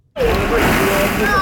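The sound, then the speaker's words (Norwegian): A child plunges into a ball pit at an indoor play centre in Kristiansund, Norway, on a rainy day, setting off a sudden, loud rush of clattering plastic balls that keeps rattling densely, with faint children's voices in the background. “Dagens bad gjøres i ballbassenget i Neptun Lekeland i Kristiansund.”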